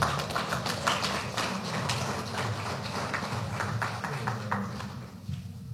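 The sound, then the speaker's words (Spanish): An audience applauds steadily for several seconds to welcome Leonardo Loza, governor of Cochabamba department, at an honor session for the 17th anniversary of the municipality of Sinaota, Bolivia; a dense crackle of many hands clapping at once with a low murmur underneath, fading slightly toward the end. “Lo vamos a recibir con fuertes aplausos a nuestro hermano Leonardo Loza.”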